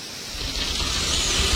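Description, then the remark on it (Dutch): Deinotheriums, very large elephant-like animals, scrape their lower-jaw tusks through the ground: a continuous, rough, hissing scrape with a low rumble beneath. It grows slightly louder over its length, unbroken, with no voices. “En die schrapen met hun onderkaaksslagtanden door de bodem.”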